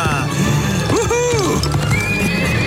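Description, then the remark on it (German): A white horse, ridden along a dike and back to the farmyard, gives a loud whinny with rising and falling pitch, while hooves clip-clop steadily beneath it and a voice speaks briefly in the background. “Oh, so ist gut. Feines Pferd.”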